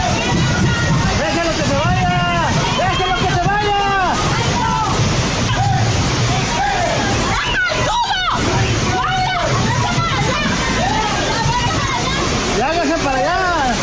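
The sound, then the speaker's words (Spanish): Loud, steady rush of floodwater sloshing through a street after several minutes of intense rain. The current sweeps away tarps, metal structures, tables and street vendors' merchandise, with excited voices calling out over the constant churning noise. “tras varios minutos de lluvia intensa, el agua comenzó a acumularse rápidamente sobre la vialidad y zonas aledañas, generando corrientes”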